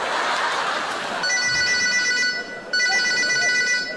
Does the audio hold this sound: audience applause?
no